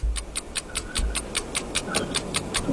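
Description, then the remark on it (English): A 60-second countdown clock for a timed quiz round ticks rapidly and steadily, with about five crisp ticks per second running unbroken and clear, with no voices. “60 seconds are on the clock.”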